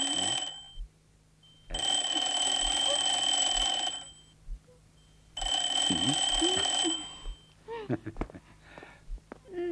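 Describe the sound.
A telephone rings loudly in two long bursts separated by a pause, its bright trilling tone filling the room, followed by a voice starting to speak.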